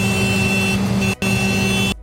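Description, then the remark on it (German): A tractor horn honks twice to signal the start of an early-shift breakfast, a joint event of MDR Thüringen and Bäckerei Bergmann. A long, steady, buzzing blast of about a second is followed by a brief gap, then a second blast of similar length, loud and with no voices. “Frühstück ist eingehupt und ich glaube, man konnte die leuchtenden Augen sogar hören.”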